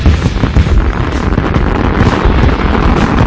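A dense, loud barrage of fireworks crackling and booming without pause, the bursts overlapping into a continuous roar with no voices present.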